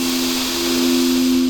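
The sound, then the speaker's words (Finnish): A long, steady, airy rush of breath being drawn in, in a Nordea bank advertisement, loud and even throughout, with a low sustained hum underneath and no talking. “Ja syvä hengitys sisään.”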